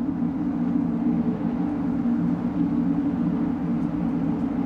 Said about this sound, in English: However, as visitors walk onto the upper deck of the building, they are met by this hum. It is the exhaust system of Canada Place.